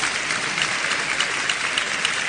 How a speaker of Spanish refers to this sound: Me encantaría escuchar un aplauso al Señor, vamos.